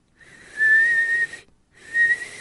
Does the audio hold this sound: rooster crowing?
no